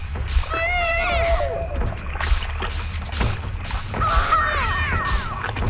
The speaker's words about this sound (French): C'est ça qu'on entend. C'est un bébé, en fait, sur un vinyle, dans un vinyle de Sound Effects des années 70.